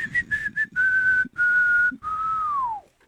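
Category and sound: human body sound, person whistling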